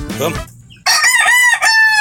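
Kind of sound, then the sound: bird, rooster crowing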